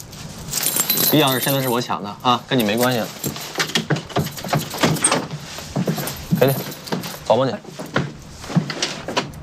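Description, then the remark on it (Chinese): Keys jangle and rattle in a lock as someone opens a door without permission, with short metallic clinks and thumps. People speak over the clatter throughout. “要不你们报警吧，我擅自开门，万一……”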